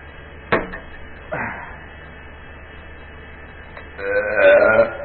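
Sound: burp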